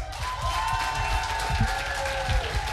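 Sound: applause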